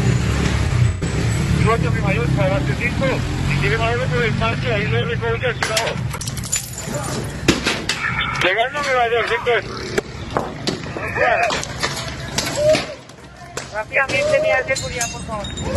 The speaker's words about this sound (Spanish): Con piedras y palos, así recibían a la policía a estas mujeres que organizaban todo lo que pasa en la Estanzuela.